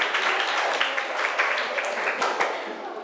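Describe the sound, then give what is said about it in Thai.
A group of children claps together for a few seconds for a classmate who answered a question in a lesson; a dense, steady patter of many small hands, fairly loud, with some voices mixed in. “ปรบมือให้เพื่อนเก่งมาก”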